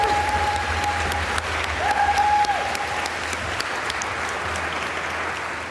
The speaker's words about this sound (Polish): Chór Państwowej Szkoły Muzycznej imienia Oskara Kolberga w Warszawie. Wielkie brawa! Dotarli!